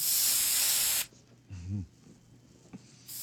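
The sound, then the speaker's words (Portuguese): A Sumidine throat spray, sprayed into an open mouth, lets out a steady, bright hiss for about a second, then stops. A brief low voiced murmur follows in the quiet before a second hiss starts at the very end. “Sumidine pra garganta? É, põe na tua garganta aí, ó.”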